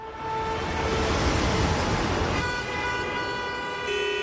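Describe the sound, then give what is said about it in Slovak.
Distant road traffic rumbles steadily without a break, joined by sustained horn tones that sound through the noise, growing richer in the second half. No voices are heard. “Doprava, ale tak vzdialená.”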